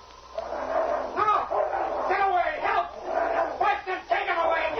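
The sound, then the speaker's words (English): A big gray dog, King, attacks a man in the snow near a dog sled, hitting him between the shoulders and knocking him down, barking and snarling in a continuous, loud flurry of harsh bursts for several seconds, with what may be a man's cries mixed in. “Slade had almost reached his dog sled when suddenly the gray shape of a big dog hit him squarely between the shoulders, and he sprawled in the snow.”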